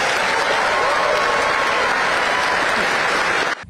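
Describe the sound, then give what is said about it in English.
A large crowd at the Labour Party conference applauds loudly and steadily in support of women from Palestine and Afghanistan, dense clapping mixed with cheering that holds at full strength for about three and a half seconds before cutting off abruptly. “The loudest cheer of the entire Labour Party conference so far was in support of women from Palestine and women from Afghanistan.”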